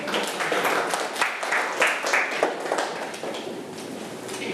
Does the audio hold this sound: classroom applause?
yes